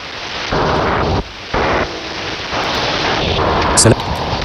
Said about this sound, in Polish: Słuchajmy, czy to zagłuszarka, czy to... Tak, zestaw. NATO-owska transmisja i jakiś modem szyfrowany.